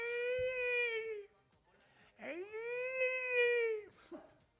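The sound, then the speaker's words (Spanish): A person imitates whale song with two long, loud moaning wails, the second swooping up before holding a steady mid-high pitch, followed by a brief trailing vocal sound. “Claro, el canto de la ballena, tío, es como...”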